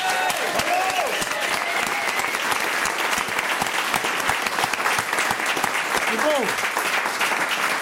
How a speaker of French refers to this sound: Je propose qu'on leur fasse un tonnerre d'applaudissements.